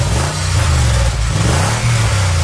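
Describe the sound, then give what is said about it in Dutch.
A car engine revs loudly, its deep rumble rising and dipping in steady surges over a couple of seconds, with no voices. “Het geluid van een ronkende motor.”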